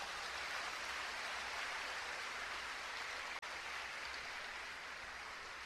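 An audience breaks into steady, dense applause for the men present, a continuous hiss-like wash of many hands clapping at an even level for several seconds with no voices over it.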